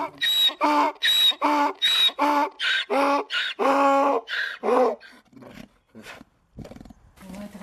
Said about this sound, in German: Es sind die Esel, die man hier hören kann, und keine Motorengeräusche.